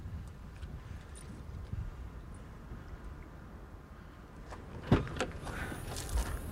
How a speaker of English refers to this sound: packs up his car.